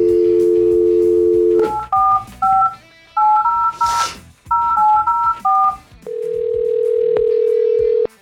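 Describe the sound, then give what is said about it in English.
A steady dial tone gives way to a quick run of about ten touch-tone beeps in short clusters, followed by a long, level ringing tone on the line as a phone call is placed to a man. Loud, with no talking. “All right, let's get this man on the phone here.”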